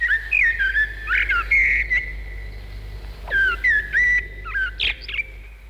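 Clear, bright birdsong: a series of whistled, warbling phrases with short pauses between them, prominent over a low steady background rumble.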